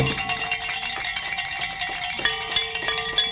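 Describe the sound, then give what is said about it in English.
Bells ring rapidly and continuously, bright metallic strikes overlapping into a shimmering clatter with a few sustained tones, fairly loud throughout and with no one talking. “I get to ring my bells again.”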